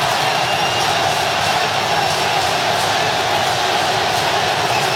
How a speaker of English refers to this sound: You can hear the Ecuador crowd chanting for their team. So many chances in this game, but nothing to show on the scoreboard for either side as we hit this hydration break live from Philadelphia. 0-0 between Ivory Coast and Ecuador.